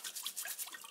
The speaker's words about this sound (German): Der Trüffelsammler muss seine Ausbeute jetzt noch gründlich reinigen. Ich wasche sie unter fließendem Wasser ab. Mit der Bürste.